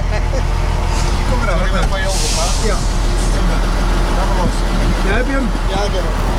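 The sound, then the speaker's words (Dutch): A truck engine rumbles steadily and loudly, with a short sharp hiss of an air brake early on, while people talk over the noise; it is Henk Wijngaard's truck. “Dames en heren, hier bij de vrachtwagen van Henk Wijngaard, niemand minder dan …, presentator en chauffeur.”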